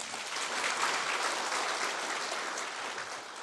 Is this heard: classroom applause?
yes